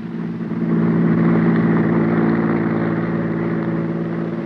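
A car engine roars loudly, holding a steady, throaty drone at speed for several seconds after a quick swell at the start, as a car whips past on a road. No one speaks.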